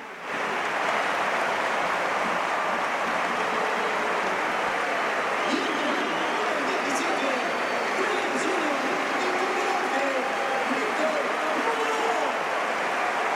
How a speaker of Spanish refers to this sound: Bueno, pues se marcha el primero Baena, va a entrar Nico Williams, mira Lamín que listo, se aleja de la banda para que la ovación sea más sonora. Y se marcha en efecto Lamín Yamal, escuchamos al Pizjuán.